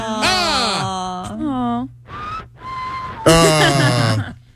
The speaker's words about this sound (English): In my head, whistling equates to I'm feeling very happy. I don't think people whistle when they're sad. So, I think we have the sad whistler on the phone.